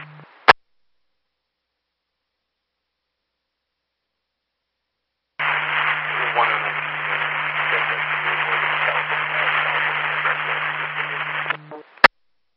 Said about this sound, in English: I could not copy anything else. It's mainly static.